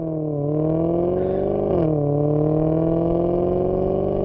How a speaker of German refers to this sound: Happy Horoscope Sheep 1 und ein Maserati im Hintergrund.